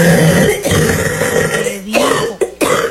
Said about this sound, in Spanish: No me pongan esa tos.